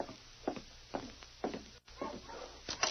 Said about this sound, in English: Hey, listen. Dogs. Yes. Wonder who it can be. I'll take a look.